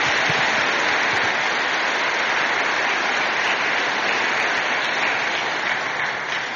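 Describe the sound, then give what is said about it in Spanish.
Sustained applause from a large church audience welcoming the priest celebrating the Eucharist, a dense, even wash of many hands clapping at steady loudness for several seconds, easing slightly at the end, with no voices standing out. “Le damos un aplauso al Padre de bienvenida.”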